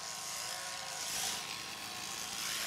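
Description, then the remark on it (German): Electric sheep shears buzz steadily as a sheep is sheared, the clipper run as close to the skin as possible, a continuous motorized whir with a thin high tone and slight rises and dips in loudness, no voices. “Mit der Schermaschine fährt er immer so nah wie möglich über die Haut.”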